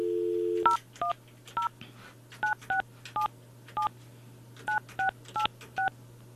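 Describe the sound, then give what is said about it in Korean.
A brief steady dial tone gives way to a quick run of about a dozen telephone keypad beeps, evenly spaced and fairly clear, over a faint low hum with no talking, as a broadcast host dials a listener who texted in. “다음 분, 이분한테 제가 전화를 한번 해볼게요.”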